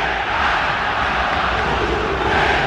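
A stadium crowd of Fluminense supporters boos John Arias loudly and steadily as he leaves the pitch, a dense, continuous roar of many voices that never lets up, some singing insults, with no single speaker standing out.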